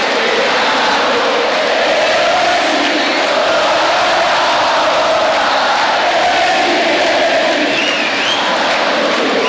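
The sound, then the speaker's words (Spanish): A huge stadium crowd cheers in one loud, unbroken roar at 11 at night, celebrating Messi, Scaloni and the players who stay in the centre of the field, a dense wash of thousands of voices that holds steady for the whole stretch with no individual speech standing out. “La celebración es absoluta.”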